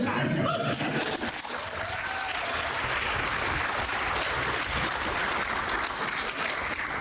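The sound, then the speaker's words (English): A crowd claps steadily, a dense, sustained wash of applause at a strong, even level, with a brief murmur of voices at the start before the clapping takes over. “And despite your applause, it is and remains widely accepted.”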